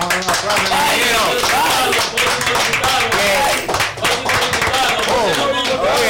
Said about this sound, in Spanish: Un aplauso.